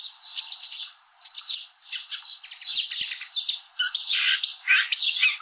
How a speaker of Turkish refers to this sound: Şimdi çalı kamışçılarında da aynı bölümü çalıyorum.